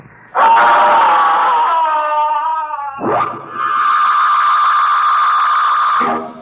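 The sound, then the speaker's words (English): A young boy screams loudly as music stops, two long, sustained, shrill cries back to back, the second steadier and higher, with no talking around them. “Soon the music will stop and … will scream.”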